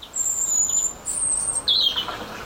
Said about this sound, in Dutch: Maar hoe dan ook, op een mistige ochtend hoort hij een roodborst in de tuin. En hij nam hem voor ons op.